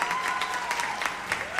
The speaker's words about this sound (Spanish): Que las palmas sean para acá nuestros excelentes músicos, por favor.